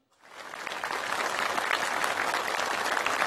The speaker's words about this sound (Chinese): 让我们用最热烈的掌声向圆满完成培训任务的青年演员们表示祝贺。